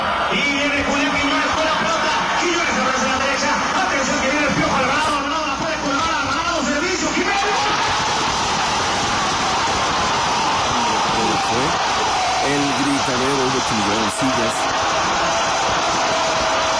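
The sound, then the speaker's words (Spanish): A dense crowd, seated on the artificial turf of Parque Primavera in the city of Oaxaca in the rain, roars and shouts for a goal, a loud, continuous wall of many voices that swells partway through and keeps going without a break. “Ahí viene el momento del gol.”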